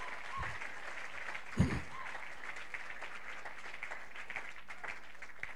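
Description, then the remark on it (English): An audience claps continuously, a dense, steady wash of many hands at moderate loudness throughout, with a single low thump partway through and no clear talking. “As you are clapping, your testimony is coming.”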